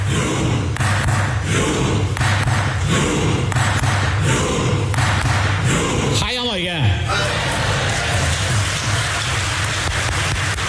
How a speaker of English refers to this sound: And finally, it's nice to hear that some members of Norwegian Parliament get involved into the football spirit. This is a clip of them performing the viral Viking row in Parliament to show support for their national team.